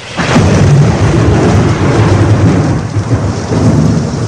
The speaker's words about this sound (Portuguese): A chuva fica ainda mais pesada em Roma.